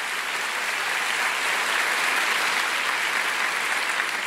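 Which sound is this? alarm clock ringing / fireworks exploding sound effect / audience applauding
audience applauding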